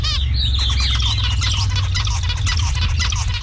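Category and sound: bird, zebra finch calls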